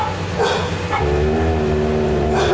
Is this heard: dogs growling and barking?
yes